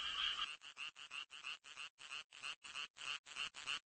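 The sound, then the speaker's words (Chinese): Male frogs croak in chorus, their inflatable vocal sacs resonating. The sound is a loud run of rapid, evenly spaced raspy pulses, roughly three per second, with no voices present. “雄青蛙也加入到音乐会的队伍中了，他们有一个能鼓起来的声囊，声囊产生共鸣，使得声音十分洪亮。”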